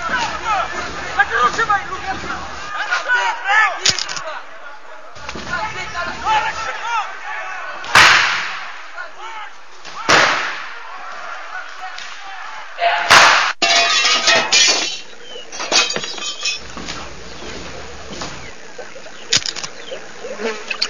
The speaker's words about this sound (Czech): za 73 jsme u restaurace, bojíme se jít dovnitř, nějaká strašná rvačka, je nás tady hrozně málo, žádám o posily.